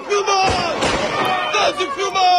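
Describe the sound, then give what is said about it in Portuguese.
Several sharp gunshots crack out in quick, uneven succession as GNR soldiers fire into the air from a balcony of the courthouse in Ponte de Sor, Portugal, after a detainee escaped, against loud agitated shouting voices and a chaotic crowd atmosphere throughout. “Militares da GNR tiveram de disparar para o ar a partir de uma das varandas do edifício.”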